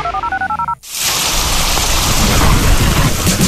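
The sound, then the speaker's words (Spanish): A short run of telephone keypad tones gives way abruptly to a loud, steady downpour of heavy rain, with deep thunder rumbling beneath it. No one speaks. “Cuando llueve fuerte y se inundan las calles, nunca abras las tapas del alcantarillado para evacuar las aguas lluvia, ya que no está diseñado para recibirlas”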